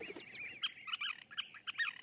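A scissor-tailed flycatcher gives a run of sharp, chattering calls, quick squeaky notes tumbling over one another at close range with no voices.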